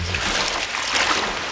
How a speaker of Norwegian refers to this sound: Jeg stikker tåa ned I elva her.